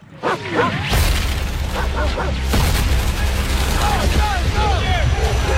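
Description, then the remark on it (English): Loud, dense action-movie mix from the trailer for Brad Pitt's film The Heart of the Beast, with sharp bursts of gunfire cutting through a rumbling score, swishing whooshes and sweeping tones, continuous from start to finish with little pause. “There's a lot of gunfire and that sort of thing.”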